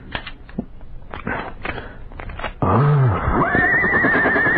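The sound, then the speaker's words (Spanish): A horse neighs loudly, a long quavering whinny that climbs in pitch, following a couple of seconds of uneven clattering knocks. No one speaks. “El caballo de este cobarde me va a servir ahora.”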